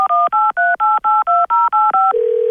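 A rapid run of about ten touch-tone beeps as the phone number of Soudure Caplan is dialed, each a short two-pitch tone, followed by a steady lower ringing tone starting at the end.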